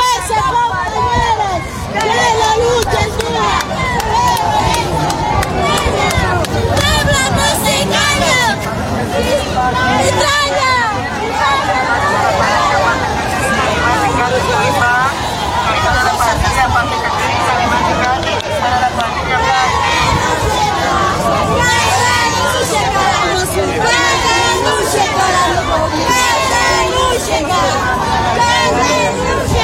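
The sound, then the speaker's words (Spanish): A large crowd chants and shouts in unison at a protest march in La Paz demanding the president's resignation, a dense, loud wall of voices with rhythmic slogans rising over continuous babble throughout. “Estamos escuchando cómo están exigiendo la renuncia del presidente.”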